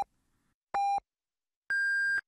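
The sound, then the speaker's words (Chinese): Radio time signal beeps on Yicai Radio (第一财经广播) marking 13:30 Beijing time: the tail of one short tone, then another short beep, then a longer, higher-pitched final tone. The beeps are clear, electronic and steady, with silence in between and no voices. “现在是北京时间13:30。让投资更高效的汇正财经，请您准确对时，投资之路精准把握每一刻。”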